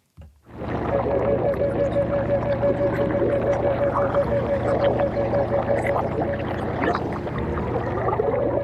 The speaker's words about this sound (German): Also du hörst, das gluckert richtig. Das sind auch Unterwasseraufnahmen aus Mooren, Röhrichten und Bruchwäldern im Spreewald.